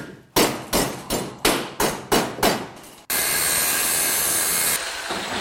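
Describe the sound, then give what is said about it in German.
Loud hammering on scrap metal by a metal sculptor in his small workshop in Hassenhausen, Burgenlandkreis: about eight sharp blows in a steady rhythm, each ringing briefly. A harsh, continuous machine-like roar then takes over and runs to the end. “Hämmern, Schweißen, Löten. Ronald Knoll macht aus Schrott Kunst.”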